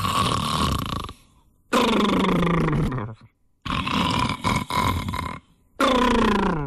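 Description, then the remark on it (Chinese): A man's voice imitates the loud, thunderous snoring of the character Lu Zhishen asleep in a monastery meditation room: four long, rumbling, gravelly snorts with brief pauses between them, forceful, with no other talking. “你睡就睡吧，他还不老实，鼾声如雷呀，打着呼噜，一哈三嘟噜的呼噜。”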